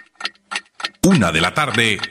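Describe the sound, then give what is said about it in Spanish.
Three crisp, evenly spaced clock ticks of a time signal from a watch and jewelry shop, clear and about a third of a second apart, before a loud voice abruptly takes over announcing 1:59 p.m. “Relojería y joyería El Ancla te da la hora.”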